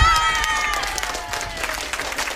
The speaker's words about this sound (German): Ihr dürft nochmal einen riesen Applaus für euch selber machen.